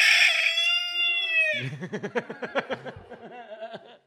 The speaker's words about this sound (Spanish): Kikiriki. Los huevos del gallo.